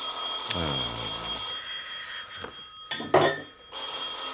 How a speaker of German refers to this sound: Verdammtes Telefon.